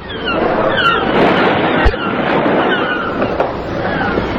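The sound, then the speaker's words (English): An electric rowing boat out on the sea: a steady, loud wash of water and motor-like churning, with a single dull thump partway through and no voices. “Were even now on their way from England by electric rowing boat.”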